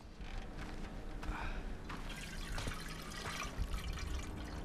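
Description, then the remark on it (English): Milk pours steadily into an empty metal canteen for several seconds, filling it to the brim, a continuous gurgling splash that holds at an even level throughout, with no voices. “Schofield takes out his empty canteen and pours milk into it, filling it to the brim.”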